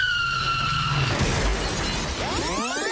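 Tires squeal in long, high-pitched skids, then a loud crash of shattering glass and crumpling metal, followed by more squealing and scraping. No one speaks.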